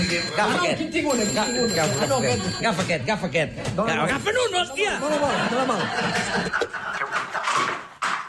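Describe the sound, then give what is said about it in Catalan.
A telephone rings with a bright, high bell tone that keeps sounding while several people talk over each other. “On és el telèfon?”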